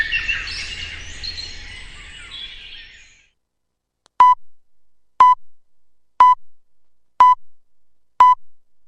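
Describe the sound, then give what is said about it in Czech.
Birdsong chirps fade out, then after a brief silence five loud, evenly spaced electronic beeps sound once per second, a radio time signal counting off the hour before the news bulletin. “Sponzor tačnog vremena, Unsko-sanske šume.”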